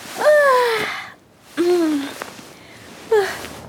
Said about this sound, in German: Früh am Morgen wacht Conny mit einem großen Gähnen auf.